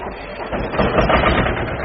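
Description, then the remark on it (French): A two-cylinder tractor engine idles with a rough, rattling knock, loud and continuous, swelling slightly after the first half second, with no voices. “C'est un 2-cylindres, alors ça cogne un peu, ça ronronne pas comme une Formule 1.”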